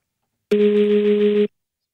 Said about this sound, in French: C'est quand votre téléphone vibre, mais qu'il est sur une surface.